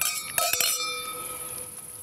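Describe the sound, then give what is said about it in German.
Glasses of 2018 Riesling Spätlese from the Mosel clink together in a toast at dessert, two or three quick bright taps whose high, clear ringing tones hang and slowly fade. No one speaks. “Ja, also darauf würde ich mal anstoßen.”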